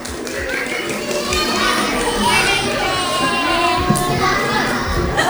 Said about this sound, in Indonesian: Tepuk tangan dulu semuanya.